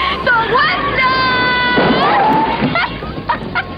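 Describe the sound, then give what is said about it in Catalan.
A woman, the protagonist of the film Fried Green Tomatoes, lets out a long, shrill scream that wavers and glides in pitch for a couple of seconds, rising above a busy background of voices and noise before trailing off. “És un crit en tota regla de la pel·li Tomàquets Verds Fregits, de la prota, que és una autèntica heroïna.”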